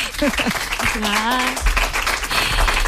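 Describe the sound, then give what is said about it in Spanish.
A crowd applauds steadily throughout to welcome a guest being introduced, dense clapping, with a few voices and cheers rising briefly over it near the start. “Un aplauso para ella.”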